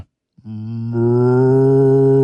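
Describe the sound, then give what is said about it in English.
A person imitates a cow with one long, low, droning moo. It swells louder partway through and holds steady to the end, with no talking. “Let me hear your best cow.”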